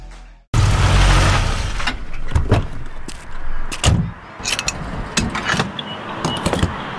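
Fuel gushes into a car tank with a steady rushing hiss, broken by sharp metallic clicks and clunks from the pump nozzle. No voices.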